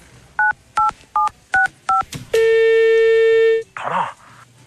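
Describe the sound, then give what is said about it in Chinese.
Five quick telephone keypad tones beep in an even rhythm, clear, as a phone call to a father is dialed, followed by a long steady electronic tone and a brief muffled burst at the end. “警察叔叔，我可以给我爸爸打个电话吗？”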